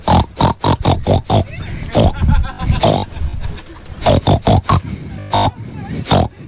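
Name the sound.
person imitating pig grunting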